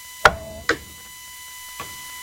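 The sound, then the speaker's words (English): Plates of Dutch cheese-spread nachos with hand-cut chips set down on a table: two sharp, ringing clanks in quick succession, then a softer third knock a moment later, with no voices. “So, you might have heard the clamor of the table. Those are Dutch nachos.”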